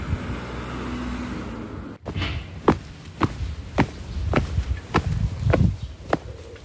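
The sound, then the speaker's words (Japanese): Footsteps walk steadily along a street in Oshino 1-chome, Nonoichi, Ishikawa Prefecture, Japan, from the Hon-Oshino bus stop toward the Oshino community hall: about ten crisp, evenly spaced steps, starting after a brief rumble of passing traffic, with a low road hum underneath throughout. “今日はこの本忍野のバス停から少し歩いて忍野公民館の方に向かっていこうと思います。”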